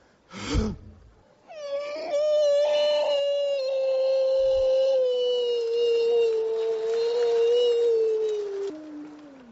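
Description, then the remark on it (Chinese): A person imitates a wolf howl as a mock vocal warm-up, crouching with hands clawing the ground: one long, loud, sustained wail held for about seven seconds, sliding slowly downward in pitch, preceded by a brief sharp vocal burst. “这是狼叫唤呢。”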